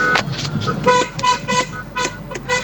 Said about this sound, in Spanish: Hoy día juega la bocina. Malo que le pega la bocina. Pi, pi, pi, le pega la bocina, mira.